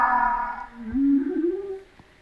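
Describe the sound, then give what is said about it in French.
An underwater whale call recorded by hydrophone: a harmonic tonal moan that fades, then a low, rising, drawn-out whoop sliding upward for about a second, fairly loud before trailing off into quiet. “Ça c'est une baleine qui parle.”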